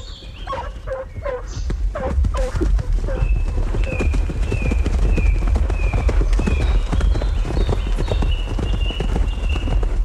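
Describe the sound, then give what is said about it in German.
A count's horse, Satan, a three-year-old chestnut, gallops with rapid, loud, continuous hoofbeats behind a pack of hunting hounds chasing a poacher across the fields, the hounds' yelping bay bursting out at the start and repeated high, thin whistling tones over the later hoofbeats. “Der Meute Geläut und Hufe Gedröhn schallt durch die Flur,”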